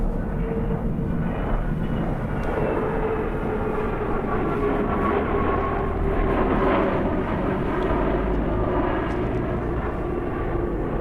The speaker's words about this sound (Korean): 인천공항으로 향하는 차창 밖으로 비행기 한 대가 천천히 이륙하는 게 보이고 있다.